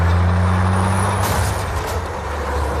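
A heavy tanker truck's deep engine rumbles steadily, broken midway by a sharp hiss of air brakes before the low drone carries on, in a Steven Spielberg film chase scene on California roads. No one speaks.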